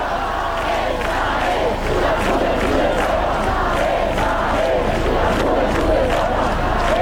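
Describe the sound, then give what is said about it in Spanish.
A large crowd of young people chants together for Pope Leo (formerly Father Prevost) in a steady, rhythmic pattern, loud and sustained throughout, with a dense roar of massed voices and no single speaker standing out. “De tantas veces que el padre Prevost escuchó corear esto, nunca se imaginó que fuera para él.”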